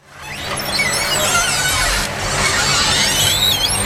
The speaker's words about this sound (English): For generations of older Americans, the sound of a screen door opening at a small town country store can take them back in time.